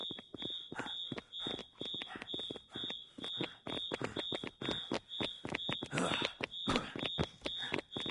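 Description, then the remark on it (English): A shrill fire alarm rings continuously at a high pitch, loud, while irregular thumps and clattering noises break through underneath it. “What about the fire alarm? Fuck the fire alarm.”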